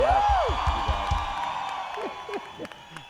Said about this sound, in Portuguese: Arranjador de cordas, de vocais, multimúsico, produtor, pode aplaudir, Cleberson Horst!